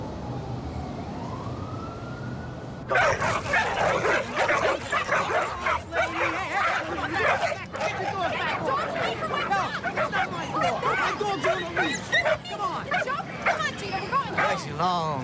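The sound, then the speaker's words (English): After a quiet opening with a faint rising tone, several dogs being walked by their owners, including a Doberman and a ridgeback, break into loud, overlapping barking and yipping that continues nonstop, with voices mixed in underneath. “I didn't know you walked your own dog. Which one is yours? Under the tree, the Doberman.”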